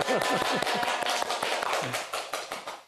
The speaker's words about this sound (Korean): 여기 모두 박수 한번 치세요. 다 잘했어요.